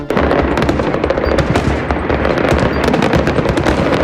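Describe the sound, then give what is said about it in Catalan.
A dense, continuous barrage of fireworks going off to close the night in València, Castelló and Alacant, with rapid overlapping bangs and crackles and sharp bursts mixed in, loud throughout with a low rumbling underneath and no talking. “per a tancar la nit, castells de foc artificial a València, Castelló i Alacant.”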